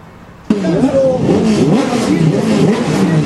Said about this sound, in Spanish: Ruido de motores, de altavoces, se viene la clasificación del Turismo Carretera. El sol ha salido en San Nicolás.